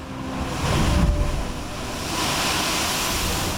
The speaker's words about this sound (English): It's named for the sound made by the blowhole near the wall when big waves impact. Like, boof!